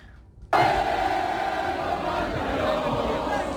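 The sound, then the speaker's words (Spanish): A large crowd in France sings the Marseillaise together in the street, celebrating France reaching the quarter-finals. Many voices swell into a loud, dense, sustained chorus that starts abruptly after a brief moment of quiet and carries on. “La gente, imagínate la emoción de Francia de llegar a cuartos de final, salió a las calles a cantar la Marsellesa, se escuchaba así.”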